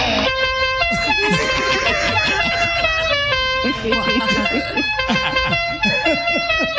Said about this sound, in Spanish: No, señora, mire, le vamos a poner también claxon a la silla de ruedas, señora. ¿Qué le parece este claxon?